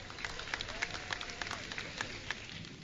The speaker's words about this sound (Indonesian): Berikan tepukan gemuruh